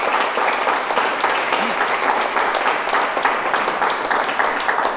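Sustained applause from an audience fills the whole stretch, a dense, steady wash of many hands clapping at once, fairly loud and close, with no voices standing out.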